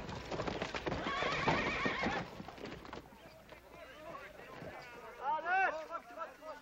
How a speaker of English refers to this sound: That's what I call riding a horse. Oh, well, you gotta admit I tired him out a little bit.